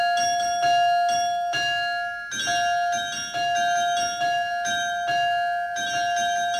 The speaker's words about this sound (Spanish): Campanas, campanas, campanas.